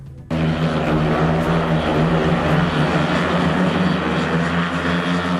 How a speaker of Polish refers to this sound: A skoro wywołaliśmy żużel, nie po raz pierwszy zresztą, na takim torze ryk silników jest po prostu ogłuszający.